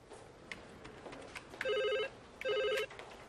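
A telephone at Merton Police Station rings twice, each a short warbling electronic trill of about a third of a second, separated by a brief pause, heard clearly over a faint background hum with no talking.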